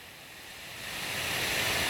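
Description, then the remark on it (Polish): Steady, breathy wind of a fresh breeze, 30 to 38 km/h, rushes without a break, a broad airy hiss that swells gradually louder over a couple of seconds, with no voices present. “Zaznaczone. Świeży wietrzyk.”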